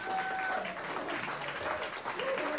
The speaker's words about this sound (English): Give all of them a round of applause.